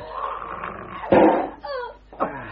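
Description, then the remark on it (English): A dog that has got loose and has not been fed for two days attacks its master, snarling and growling in a frantic, aggressive burst, a loud harsh snap near the middle followed by rising, wavering yelps and snarls, savage with no talking. “The dog's got loose. It's 2 days since he was fed. He's got the master.”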